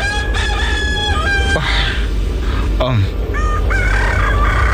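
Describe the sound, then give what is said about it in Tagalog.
Roosters crow loudly and repeatedly, their long rising calls overlapping over a constant background rumble, with a few short clucks and calls in between. “Babatian ko na ang pagpanukturuok sa mga manok.”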